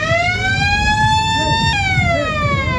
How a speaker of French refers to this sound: L'alarme sonne, la fin du concours.